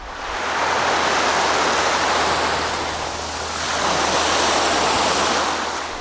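Steady, loud roar of ocean surf washing onto a beach, swelling in two broad surges over a few seconds with a constant hiss of foam; no voices.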